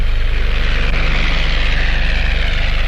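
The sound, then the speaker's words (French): An early propeller airplane, Henry Farman's, carrying two passengers for the first time and winning the Grand Prix de Champagne, drones steadily and loudly throughout, its engine giving a continuous rumbling buzz with a low throbbing pulse, with no voices. “Mais elle devait aussi enregistrer le succès de Henry Farman, emmenant pour la première fois deux passagers, disons deux héros, et enlevant ainsi le Grand Prix de Champagne.”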